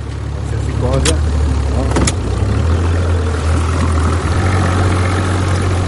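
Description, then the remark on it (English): A boat engine runs steadily on a boat trip across Porto Novo's bay to a mussel reef, a loud low drone with wind and water noise over it, broken by a couple of brief sharp knocks and faint, indistinct voices. “A boat trip across Porto Novo's bay to see the reef covered with gleaming black moscioli.”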